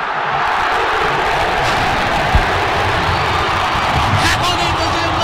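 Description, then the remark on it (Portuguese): A huge stadium crowd of Cruzeiro football fans at the Mineirão sings and chants together in a steady, dense roar that holds at an even loudness for several seconds, with a few brief louder swells. “Vamos escutar um pouquinho da torcida do Cruzeiro?”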